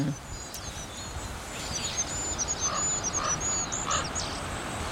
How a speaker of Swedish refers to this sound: Det är så ljust. Ja. Kungsfågens sång är så långt ifrån kungssången man kan komma. Och inte mycket att yvas över. Den lilla ramsan hinner inte stort mer än börja förrän den tar slut. Fågeln kommer liksom av sig.